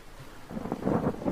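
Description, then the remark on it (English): Gentle waves on a calm sea wash at the surface, a soft, steady rushing that swells in after a quiet moment and continues with no voices. “the sea is calm, and only a single young whale, probably strayed from its mother, breaks the surface of the waves.”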